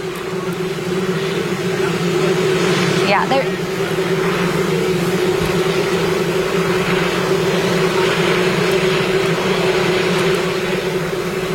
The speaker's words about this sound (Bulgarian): Can't hear what the president is saying. Това е коментар на репортера, чува се и хеликоптер, но не се чува Тръмп.